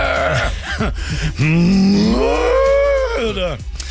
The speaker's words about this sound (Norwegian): Eller som kuene sier, nytt mø!